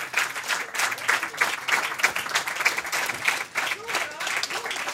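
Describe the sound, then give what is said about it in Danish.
Sustained applause from a sizable audience at Kulturmødet on Mors, broadcast live on P1, for two rappers: a dense wash of many hands clapping steadily for several seconds, loud, with faint crowd murmur mixed in. “Kæmpe hånd til”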